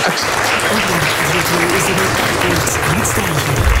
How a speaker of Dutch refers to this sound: Het verdient nogmaals een daverend applaus.